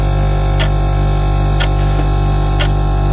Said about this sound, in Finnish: tää on se ääni, mitä sä kuuntelet koko yön, kun sä koetat nukahtaa. Jostain syystä isovanhempien se arkkupakastin pitää aivan järkyttävää surinan ääntä yhdistettynä siihen maagiseen seinäkelloon, mikä jostain syystä kaikilla yli 60-vuotiailla löytyy.